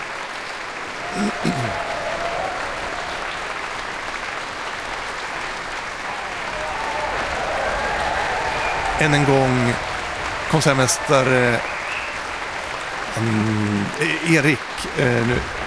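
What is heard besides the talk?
concert audience applause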